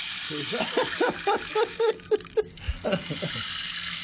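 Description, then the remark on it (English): A steady, soft rattling patter like falling rain runs through the whole clip as a rain stick is tipped, with a person talking over it in the middle. “This is the rain stick.”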